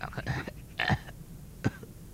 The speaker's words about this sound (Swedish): Då hörs ett krax från pappas rum.